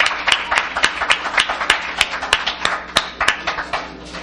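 A crowd applauds steadily, many hands clapping in a dense, crackling wash with sharper individual claps popping out at an irregular rhythm throughout.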